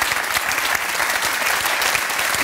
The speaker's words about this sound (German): aber da haben Sie noch einen Applaus.